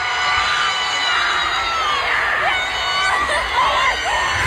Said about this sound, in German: Der Mann, den ihr jetzt gleich im Hintergrund "Oh my God!" schreien hört